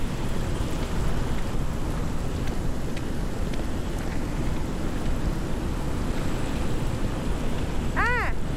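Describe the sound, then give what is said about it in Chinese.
Steady rain hisses without pause, a dense, even wash of sound with occasional sharper drips, and a brief high tonal call cuts in just before the end. “哎，你们没穿雨衣啊？”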